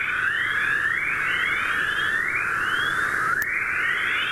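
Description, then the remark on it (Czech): A dense stream of rising electronic chirps and whistles from electromagnetic waves in space, overlapping in quick repeating sweeps over a steady hiss, with no speech. “Zmiňované zvuky se projevují, jak jsme slyšeli, širokou paletou bizarních podob od šepotu, šumění, syčení až pod cvrkot, cvrlikání, švitoření, pípání a hlasité houkání, připomínající hlasy nejrůznějších druhů hmyzu nebo ptactva.”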